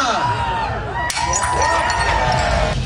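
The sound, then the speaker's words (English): A plate smashes with one sharp crash about a second in, as Mayor Olivia Chow follows the Greek plate-smashing tradition at the Taste of the Danforth festival in Greektown, Toronto, surrounded by a loud crowd cheering and shouting that keeps going throughout. “Mayor Olivia Chow joined the Greek tradition and smashed a plate last night.”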